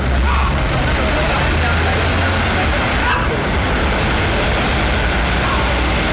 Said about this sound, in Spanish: Miren, los carros siguen de necio pasando ahí, la gente también, bo.